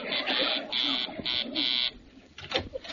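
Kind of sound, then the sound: signal or alarm, door buzzer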